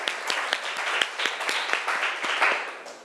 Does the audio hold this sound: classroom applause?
yes